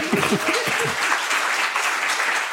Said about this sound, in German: Vielen herzlichen Dank und für der Vortrag wirklich grandios, muss man sagen. Ja, gerne Applaus. Ja.